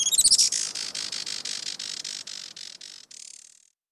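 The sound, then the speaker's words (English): Calls of a Juan Fernandez firecrown hummingbird: a fast run of thin, high-pitched chittering notes, about a dozen buzzy pulses over a few seconds, clear with no voices. “Today, conservationists with Oikonos ecosystem knowledge are working to restore the island's native forests and to ensure a bright future for the Juan Fernandez firecrown.”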